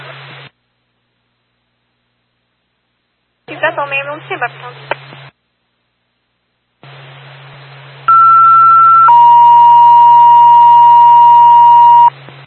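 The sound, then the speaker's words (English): Two long, steady electronic radio dispatch paging alert tones play back to back over radio static, a higher pitch for about a second, then a lower one held for three seconds, after a burst of garbled radio talk. “Time of your tone, 14:31.”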